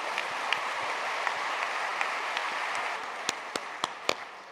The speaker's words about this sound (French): Oh, les belles-mères, regardez le nombre, levez le doigt toutes les belles-mères qui sont ici, regardez-moi ça. Regardez, applaudissez les belles-mères.